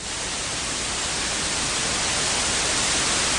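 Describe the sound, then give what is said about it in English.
Steady, even hiss of white noise filling the whole range, constant and fairly loud for several seconds with no breaks, voices or other sounds. “we can tilt this flat white noise to add emphasis to other sets of frequencies”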